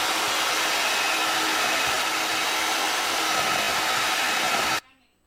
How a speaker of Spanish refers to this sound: Batidora, correcto.